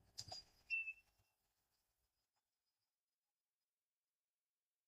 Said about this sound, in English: Referee whistles.